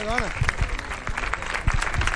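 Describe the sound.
A crowd applauds steadily as the first prize of the event, Best Child Horsewoman (Mejor Amazona Infantil), is handed over by the brotherhood (hermandad). A dense, loud clatter of many hands clapping continues throughout, with a voice briefly rising over it at the start.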